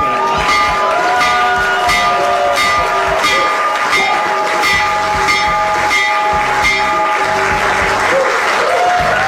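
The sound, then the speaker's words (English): A loud electric bell rings steadily and without a break over continuous clapping and cheering from a crowd. It is the opening bell for the New York Stock Exchange and the NASDAQ, rung by President Donald Trump in the Oval Office to open trading at an event for Trump Accounts. “President Donald Trump ringing the bell for the New York Stock Exchange and the NASDAQ to open up trading as part of his event to bring attention to the excellent idea called Trump Accounts.”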